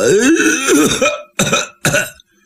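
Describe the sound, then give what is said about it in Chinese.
A storyteller's male voice imitates someone in a courtyard with a drawn-out throat clearing followed by two short, sharp coughs, fairly loud with brief pauses between them. “就听院里响起脚步声音，有人还咳嗽两声。”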